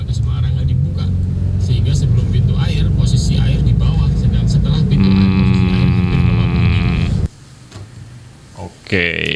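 Material trucks rumble in dense midday traffic at Sigar Bencah, coming from the upper direction, a loud, steady low roar with an engine revving into a whining drone. The roar cuts off abruptly, then a brief high-pitched squeal, like brakes, ends it.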